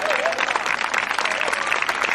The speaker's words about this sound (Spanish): Dale fuerte ese aplauso si es para Él.